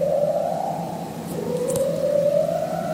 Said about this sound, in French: Ça, c'est un léopard de mer. Un prédateur de l'Antarctique qui produit des séquences longues, répétées, presque hypnotiques. Les scientifiques parlent d'un chant structuré, une forme de berceuse sous la glace.